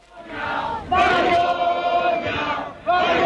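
A large crowd at the protest camp in Barcelona shouts and yells angrily, crying "Malparidos" and "vergüenza" on being told Junts would vote against the decrees, the massed voices swelling in loud bursts, with two sharp surges of shouting rising over a steady roar.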